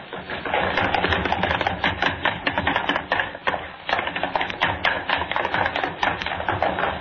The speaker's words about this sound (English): I want running footsteps, all three of you. Across the studio floor, up the stair steps. You stop and run back down.